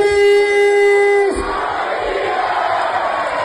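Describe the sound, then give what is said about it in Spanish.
A loud, steady horn-like blare holds for about a second before giving way to Águilas Fútbol Club fans in Águilas roaring and cheering together in a dense, continuous wash of noise, celebrating the club's promotion to Primera Federación with captain Cris Martínez. “El Águilas Fútbol Club, ya saben, festejó su ascenso a Primera Federación con su gente, y así estaban con uno de sus capitanes, con Cris Martínez.”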